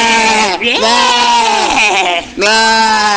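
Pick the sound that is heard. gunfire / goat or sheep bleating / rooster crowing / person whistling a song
goat or sheep bleating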